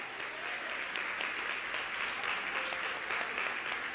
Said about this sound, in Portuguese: Você quer aplaudir ao Senhor? Aplauda, ele é digno.